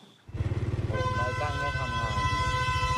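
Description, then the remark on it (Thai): A container freight train's horn blares in one long, loud, sustained blast at a railway crossing near Soi Chaiyaphruek 2 where the barrier signal failed, before the train brakes suddenly. It sounds over the steady pulsing rumble of a motorcycle engine whose rider is crossing the tracks. “ผู้ใช้ Facebook ราย1โพสต์คลิปขณะที่กำลังขี่รถจักรยานยนต์ผ่านทางรถไฟขณะนั้นมีขบวนรถไฟบรรทุกตู้คอนเทนเนอร์ผ่านมาและสัญญาณไม้กั้นไม่ทำงานทำให้รถไฟบีบปูดแต่เสียงดังก่อนที่จะมีการเบรกขบวนรถอย่างกระทันหัน”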